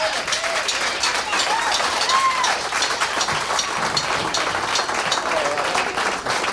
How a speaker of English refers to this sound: We'd like for y'all to give him a big round of applause and get him up here.